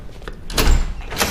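A door opens with a short clunk and a sliding rattle, followed by a brief scrape, with no one speaking.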